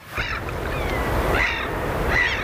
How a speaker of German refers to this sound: Möwen und Wellen, guter Stoff, sagt einer der Moderatoren im schwedischen Radio. Es ist mitten in der Nacht. Irgendwo an der Küste rauschen die Wellen. Möwen schreien im Wind.